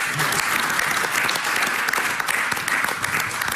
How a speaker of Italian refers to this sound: grazie a tutti, sono stato nei tempi, bravi, grande applauso.